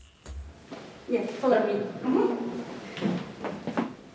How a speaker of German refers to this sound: Der Weg zu Dana Björk, er führt über knarzende Holzdielen